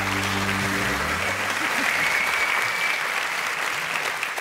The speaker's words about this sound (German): Applaus.